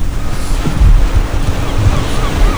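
Ocean waves break and wash onto a beach in a steady, loud roar, with gusts of wind buffeting the microphone. No voices are heard.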